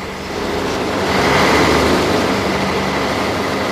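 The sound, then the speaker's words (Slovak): A steady, loud rumble of busy traffic on Botová Street, with vehicles standing and a train standing, a broad continuous roar that swells slightly midway, with no voices. “Tu veľký ruch, viete, sú stoja a vozy na zase vlak stojí”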